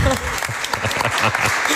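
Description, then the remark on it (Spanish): Audience applause for a guest who has just taken the PAU university entrance exam in Madrid: a dense, steady patter of many hands clapping, with a few brief voices mixed in underneath. “Un aplauso”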